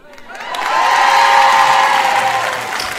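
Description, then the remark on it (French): The women in a crowd break into loud applause mixed with high-pitched cheering and whooping, swelling quickly and holding steady for a few seconds before easing slightly; the men do not applaud. “Les hommes ne sont pas tout à fait d'accord. Ils n'ont pas applaudi.”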